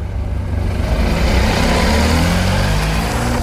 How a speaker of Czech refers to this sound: K rampě už najíždí další auto